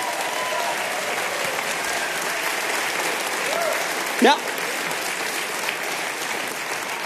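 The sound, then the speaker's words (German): Steady audience applause for a performer taking a bow fills the whole stretch, a dense wash of clapping at even loudness, with a brief voice cutting in near the end. “Das ist dein Applaus.”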